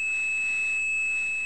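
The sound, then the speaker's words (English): A single steady 2600 hertz telephone switching tone, the signal switching systems used to mean a call had ended, holds unbroken for the whole moment, a pure, high-pitched whine at even loudness with no speech or other sounds around it. “And one of those tones, 2600 hertz, meant a call had ended.”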